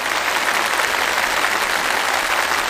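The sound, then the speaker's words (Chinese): An audience claps steadily throughout in tribute to a traditional Chinese medicine presenter, a dense, even wash of many hands applauding at a constant loud level with no voices or pauses. “我们也再次用最热烈的掌声向我们的传艺人致敬”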